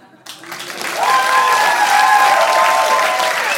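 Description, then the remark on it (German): An audience breaks into loud applause for a performer on stage at Café Hahn in Koblenz as he closes his diary. The applause starts quickly and holds steady as dense, continuous clapping, with a few voices and cheers rising over it. “Januar 2010 in Koblenz im Café Hahn auf der Bühne stehe und sobald ich mein Tagebuch schließe, einen Hammerapplaus bekomme.”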